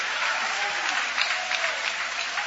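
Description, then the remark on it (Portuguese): A church audience applauding God with joy, a steady dense wash of many hands clapping at even loudness for the whole stretch, with no voices standing out. “Pode tomar o vosso assento, guarda a Bíblia com carinho e podem aplaudir a Deus também com alegria.”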